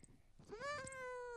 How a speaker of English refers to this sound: And now for your listening enjoyment, the greatest cat on earth. Meow. Meow.